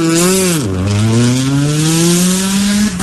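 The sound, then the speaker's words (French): A rally car engine roars with strong harmonic whine, dips sharply in pitch as if shifting gear, then climbs steadily under full throttle as crew number 20 starts from the line in first gear after a countdown, with no talking. “Régis qui garde la main sur le levier, qui commence à accélérer. Départ dans 5, 4, 3, 2, 1. C'est parti pour Régis.”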